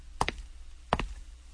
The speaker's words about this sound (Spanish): Ey, es a ti, joven. Tocan a tu puerta.